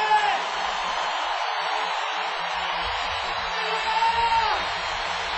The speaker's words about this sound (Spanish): Denle el mayor aplauso que tengan, por favor.